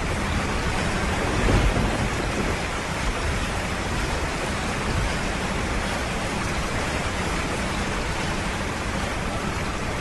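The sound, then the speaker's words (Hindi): Heavy rain on a day in the monsoon month of Ashadh pours down in a steady, dense hiss while thunder from the clouds rumbles low and deep, swelling briefly near the start before rolling on under the downpour. No voices. “वही आषाढ़ का दिन है, उसी तरह मेघ गरज रहे हैं, वैसी ही वर्षा हो रही है।”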